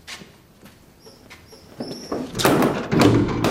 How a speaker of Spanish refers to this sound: Cierran la puerta, que tiene un pequeño ventanuco enrejado.